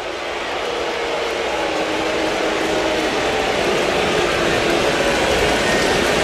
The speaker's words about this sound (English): And Dan Wilson takes the baseball, and now the standing ovation for Logan Gilbert leaving the hill. Absolutely well-deserved for Logan Gilbert.